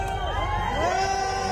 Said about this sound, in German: Also absoluter Ausnahmezustand in Paris. So kann man das sagen, ja. Die Fans singen sogar für sie.